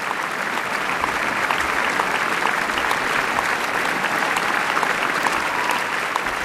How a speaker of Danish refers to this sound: Ja, og ekstra bifald til Lorenzo Viotti, der her for første gang dirigerer Wienerfilharmonikernes traditionsrige sommerkoncert på Schönbrunn.